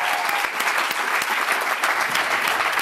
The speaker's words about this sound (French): je vous invite à applaudir très fort la Vénus électrique